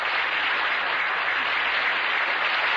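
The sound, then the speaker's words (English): Steady, dense canned applause from a large studio audience, played from a recording, a continuous wash of clapping that stays evenly loud for the full few seconds, with no voices heard. “Maybe he wrote applause.”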